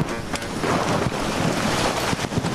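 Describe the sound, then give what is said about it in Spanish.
A loud, steady roar of a flood of water and hailstones rushing downhill across a race finish line, dense, with scattered sharp impacts breaking through the wash of noise. No one speaks. “pero es que ver las imágenes es una riada de agua y de bolas de granizo las que están circulando hacia abajo, bueno, en esta línea de meta.”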